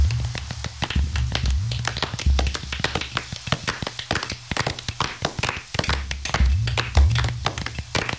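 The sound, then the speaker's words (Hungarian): A burst of applause for the fox, with many hands clapping in a dense, uneven patter that carries on steadily for several seconds, lively, with a low hum underneath and no talking. “Tapsoljuk meg rókakomát.”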